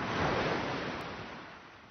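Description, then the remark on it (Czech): A broad rushing wash of sea surf, like a wave breaking on the shore and then slowly receding, loud at first and fading over two seconds, with no voices. “Co tě tady táhne pořád sem? Na mořský břeh?”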